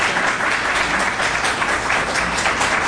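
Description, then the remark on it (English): Steady, dense applause from a sizable audience for a panel of guests, many hands clapping at once in a continuous wash of sound. It holds at an even, fairly loud level throughout with no voices over it. “One more time, a round of applause for this panel.”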